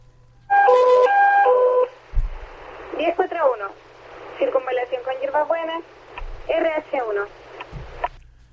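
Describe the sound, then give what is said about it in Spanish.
A short electronic emergency alert tone steps rapidly between pitches over a radio channel, signalling a traffic accident at Circunvalación and Hierbas Buenas, then a tinny, crackly radio voice talks, broken by bursts of squelch. “Tenemos una alarma. A ver. Hay una alarma en este instante.”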